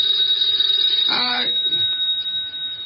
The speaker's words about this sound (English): The phone.